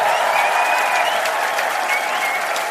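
A large audience at an ARD/SWR television show applauds a six-year-old singer from Stuttgart as she comes on, a dense, even wash of clapping that stays loud throughout with no voices standing out.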